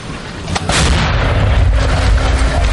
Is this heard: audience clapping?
no